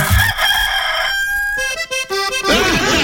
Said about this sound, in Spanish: Gallito Bartolo, ya pues, diga algo, gallito Bartolo.